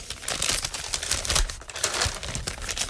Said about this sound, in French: Et que, on va ouvrir un autre petit papier. Allez-y.